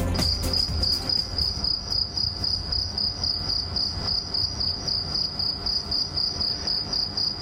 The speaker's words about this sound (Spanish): Es el sonido que nos llega desde la calle Begastri, en Cejín. Es el canto de un grillo en plena noche de verano, o como lo conocen muchos vecinos de la comarca del noroeste, un grillo zapatero.